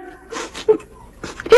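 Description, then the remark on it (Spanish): A person cries and whimpers in a few short, breathy sobbing bursts, with shaky, tremulous high-pitched catches between quieter gasps. “¿Pero por qué estás llorando, mija?”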